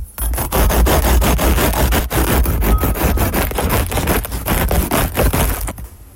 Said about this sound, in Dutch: Het snijden van net gebakken brood. Oeh, lekker. Klinkt als zagen, dacht ik echt. Ja, zo. Dat is, het is natuurlijk ook een soort zagen.